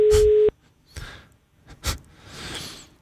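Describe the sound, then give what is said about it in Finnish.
A single loud, steady telephone line tone sounds for about half a second and cuts off, followed by scattered clicks, rustling and a soft breathy exhale. “Älä soita toista kertaa. Yksikin puhelu riittää.”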